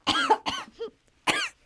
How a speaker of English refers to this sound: Bless you. That was a cough.